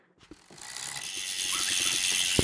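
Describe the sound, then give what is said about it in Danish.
Bicycle wheels and a tool spinning at high speed in the Børkop Cykler bicycle repair workshop give a steady, fast ratcheting whir and fine ticking that builds after a soft click, with one sharp knock near the end; no one speaks. “Hjulene, de snor rundt hernede, og noget andet, der også snor rundt i høj hastighed, det er værktøjet.”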